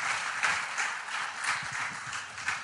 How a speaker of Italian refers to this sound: vi chiedo però un applauso intanto per i miei tre ospiti, se me lo fate, grazie.